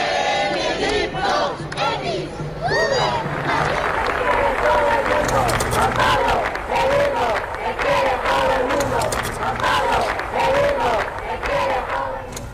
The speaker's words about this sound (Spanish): Estos son algunos de los gritos que había que se escucharon en Madrid en las anteriores visitas de los papas Juan Pablo II y Benedicto XVI.